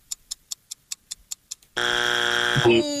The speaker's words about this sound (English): Ooh, that's our buzzer.